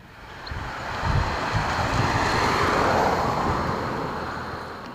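Steady wind blows outdoors on a mild, sunny Monday evening, 15 June, in Oberplötz, Plötz, in the Saalekreis near Halle: a broad rushing roar that swells gently and buffets the microphone with low rumbling gusts for the whole stretch, with no voices present.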